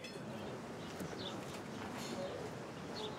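birds

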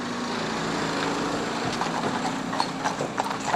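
horse hooves clip-clopping

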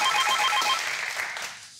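telephone ringing

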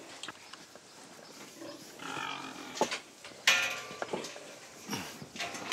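pigs grunting

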